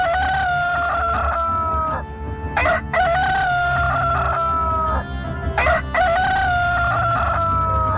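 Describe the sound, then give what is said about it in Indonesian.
A rooster crows loudly, two long drawn-out cock-a-doodle-doo calls with a short pause between them, over a low rumbling background. “Ketika rakit itu melewati hutan nipah buatan Ayus, berkokoklah ayam jantan siluk.”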